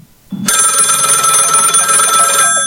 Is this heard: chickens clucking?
no